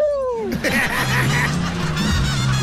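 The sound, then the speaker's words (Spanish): A person's voice attempts a horse's neigh: a high descending squeal followed by a throaty, honking warble that comes out more like a turkey gobble, loud, lasting a few seconds. “Ese no es caballo, ese parece guajolote.”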